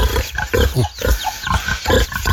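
Several pigs grunt and snort as they are being fed, in a rapid, overlapping stream of short bursts, loud and busy, with an excited, eager feel and no talking.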